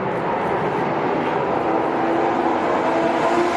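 Loud, steady engine roar of Formula One race cars speeding down a race track, a dense high-pitched whine with a faint rising tone near the end. No voices.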